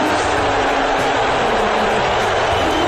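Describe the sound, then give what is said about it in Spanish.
A huge stadium crowd in New York roars with sustained, thunderous booing during the US national anthem as an image of Donald Trump is shown on the stadium screens, a dense wall of voices filling the whole space without a break. “Está mal el abucheo, ¿eh? Un abucheo atronador.”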